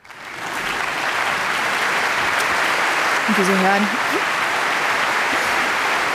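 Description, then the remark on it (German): Steady, dense audience applause for the composer's entrance in a live concert recording fills the whole stretch, a continuous crackling wash of clapping, while a man speaks briefly over it partway through. “ist hier auch erstmal der Auftritt des Komponisten. Eine Live-Aufnahme.”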